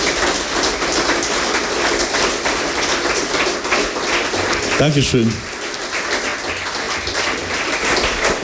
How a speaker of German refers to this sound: Und du bist jetzt in der letzten Lesung da, und erstmal der erste Applaus gehört dir.